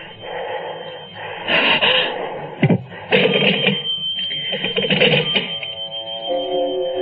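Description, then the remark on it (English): A telephone rings in repeated bursts, its bright metallic bell jangling loudly, with brief pauses between rings and no voices. “perhaps this time it was Chris or Laura calling home for some reason. Why be frightened of a silly telephone?”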